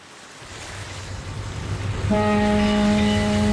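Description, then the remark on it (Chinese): Steady rushing water and wind, then about two seconds in the deep horn of a passenger ship slowly docking at a Hong Kong pier blasts in and holds one loud, sustained note to the end. “香港码头，一艘客轮鸣着汽笛缓缓靠岸，岸边上人头攒动，有准备上船的旅客，有送人的人，也有来接人的人。”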